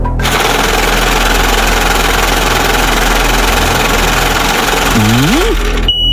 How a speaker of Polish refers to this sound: No, kierowniczko, odpalaj maszynę losującą.